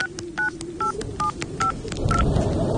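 A quick series of about seven electronic keypad beeps, each a short two-tone chirp, evenly spaced as a number is dialed on a mobile phone, over a low rumbling background that grows louder at the end.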